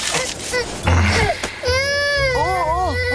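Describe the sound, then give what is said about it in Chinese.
An infant cries loudly and continuously, its wailing rising and falling in long, strained sobs, with brief breaks between bursts. “宝宝乖，不哭不哭啊。好宝宝，听话了啊。”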